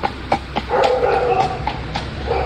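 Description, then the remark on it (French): Horse hooves clop in an uneven, steady walk as a man rides home on his horse, followed by his dog, which barks and whines, its voice rising over the hoofbeats in drawn-out bursts. “Il retournait vers son pays, monté sur son cheval, essuyé de son chien.”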